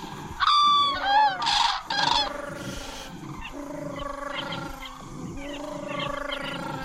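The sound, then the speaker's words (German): Cranes call in a burst of loud, rolling trumpeting cries over the first two seconds, then a softer, steady chorus of calls carries on in the background. “Dass ihre Rufe sehnsüchtig klingen würden, ist doch nur deine Version.”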